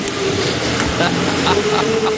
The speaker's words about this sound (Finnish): Traktori vittu.